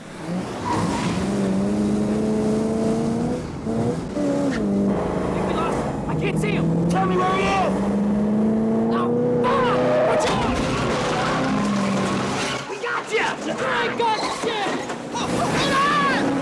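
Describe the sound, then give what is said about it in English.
Loud car engines roar and rev continuously, their pitch climbing and dipping as they accelerate hard, with brief tire squeals cutting through the steady high-speed drone, as two cars race side by side down parallel roads through a car park in a chase. “then speeds up alongside the heist car as they race down parallel roads through the car park and out the other side.”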